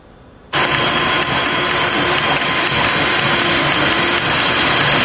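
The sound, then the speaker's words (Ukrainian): A volunteer's 3D printer in the Vinnytsia region prints drone mounts layer by layer, in its fourth hour of printing. After a brief quiet start it runs steadily, its motors giving off a continuous mechanical whir with fine ratcheting, gear-like texture and no voices. “Шар за шаром принтер вже четверту годину друкує кріплення для дронів.”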